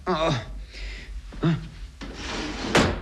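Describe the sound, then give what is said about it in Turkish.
A drawer in a neighbour girl's room, an underwear drawer, slides open with a scraping rush and a short bump, while a woman's voice talks and exclaims around it. “Bu çekmecede de ne varmış bakalım.”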